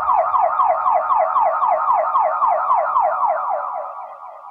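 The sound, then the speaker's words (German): An ambulance siren wails in a fast, repeating yelp pattern, loud and steady for several seconds before fading slightly at the end, with no voices present. “Die Anfälle setzten sich im Krankenwagen fort.”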